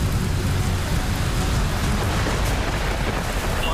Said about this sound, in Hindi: राजधानी दिल्ली में लगातार हो रही बारिश अब लोगों के लिए कहीं ना कहीं आफत बनती हुई दिखाई दे रही है।